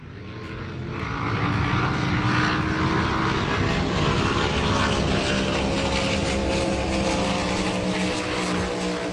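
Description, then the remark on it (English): A racing powerboat engine roars steadily, swelling over the first second or two and then holding a loud, droning buzz with a strong harmonic whine. No voices. “Have you ever heard of powerboat racing?”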